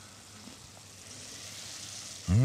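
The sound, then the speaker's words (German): Steady sizzling of peeled, braised tomatoes cooking down in a frying pan with thyme, oregano and bay leaf, a continuous crackling hiss that swells louder near the end as something is stirred or added. “Wir haben sie geschmort und jetzt in der Pfanne.”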